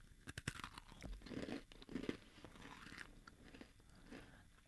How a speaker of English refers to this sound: Oh, I understand why it's called a brittle. It's a brittle because it's really crunchy.